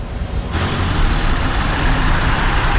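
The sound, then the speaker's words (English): A steady vehicle rumble that swells into a broad, rushing wash of road and wind noise, like riding inside a car moving at speed in southern Vermont, where the Super 7 highway is closing and traffic detours onto the old Route 7. Loud and continuous, with no voices. “hopped in a car to show you”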